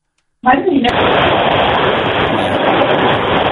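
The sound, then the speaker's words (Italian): Wind roars through an open car window of a radio listener calling in from a car: a loud, steady, rushing noise that starts abruptly and stays constant for about three seconds, sounding muffled as if over a phone line. “Il rumore del finestrino. Sei tu, ascoltatore, che forse sei in macchina.”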